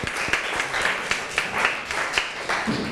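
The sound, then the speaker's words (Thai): A class bursts into applause for group 1 after their chemistry activity report, many hands clapping in a dense, steady patter with occasional sharper claps standing out, held at a moderate level for a few seconds with no talking. “ค่ะโอเคค่ะขอเสียงปรบมือให้กับกลุ่มที่1ของเราด้วยนั่นเองค่ะ”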